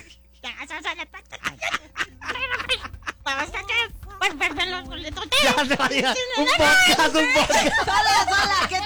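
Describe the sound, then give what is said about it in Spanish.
A person imitates Donald Duck, babbling in a raspy, quacking voice, growing louder and more frantic in the second half, with faint chuckles around it. “dices que vas a intentar, que ya practicaste un poco, pero que vas a intentar hacer la voz del Pato Donald.”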